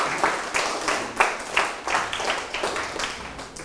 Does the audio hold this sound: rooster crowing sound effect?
no